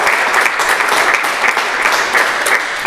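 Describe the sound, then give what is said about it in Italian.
Steady, dense applause from an audience, many hands clapping at once in a continuous wash of sound that holds at a fairly loud level for the whole stretch, with no voices rising above it. “Ecco, intanto ti facciamo un applauso, così intanto prendi un po' di fiato.”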